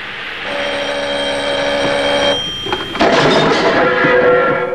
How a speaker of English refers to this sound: He takes a towel and dabs his face, makes an exasperated gesture, and goes to answer the phone.